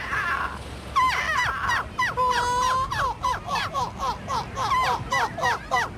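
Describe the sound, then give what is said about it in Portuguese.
A person imitates a seagull, offered as a contribution on the European Seagull Imitation Championship held in Belgium, letting out a long series of loud, rapid, nasal squawking calls in a steady laughing rhythm, with no other talking. “O Campeonato Europeu de Imitadores de Gaivotas voltou a juntar mais de 70 participantes na Bélgica.”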